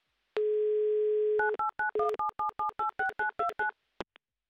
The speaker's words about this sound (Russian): У нас 30 секунд, кстати, чтобы послушать гудки.